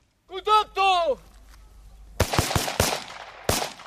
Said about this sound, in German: Ein improvisierter Militärübungsplatz im Nordosten der Ukraine. Ein paar Soldaten rennen über das Gras und schießen auf in den Boden gesteckte Zielscheiben. Es ist eine Übung.